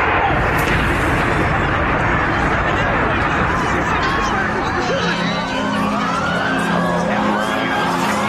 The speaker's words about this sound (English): Oh, my God, that was a huge explosion.